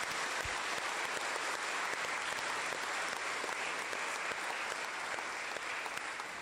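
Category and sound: crowd, audience applauding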